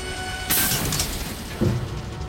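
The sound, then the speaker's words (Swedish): A steady roaring rumble with a hissy burst early on, then a single short crack as the rocket touches down on Mars, followed by the continuing low roar. “Ett knak hörs när raketen tar i mark.”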